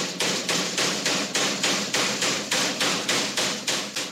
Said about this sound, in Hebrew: תשמע, אני הבאתי פטיש מיוחד, וביחד אנחנו בעצם לשפץ למאזינים את הבתים. בכיף? מה המטרה? אז נתחיל לשבור או לא? יאללה, תתחיל.